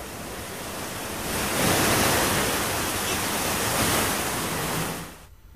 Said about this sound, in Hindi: तो शिमला में लगातार हो रही बारिश का असर अब जनजीवन पर साफ साफ नजर आने लगा है। तेज बारिश की वजह से कई जगहों पर पेड़ उखड़कर सड़कों पर आ गिरे हैं, जिससे यातायात बुरी तरह से प्रभावित हो गया था।